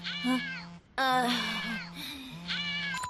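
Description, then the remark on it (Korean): A cat meows repeatedly in a series of three high, drawn-out, whiny calls with bending pitch, fairly loud, over a steady low hum and no talking. “저렇게 막강한 귀요미 고양이를 어떻게 이기냐고.”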